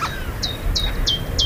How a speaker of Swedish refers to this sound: Gransångare. Ja, se där. Se där.